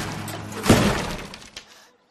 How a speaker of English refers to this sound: glares at the guitar. No! Mama! She smashes it.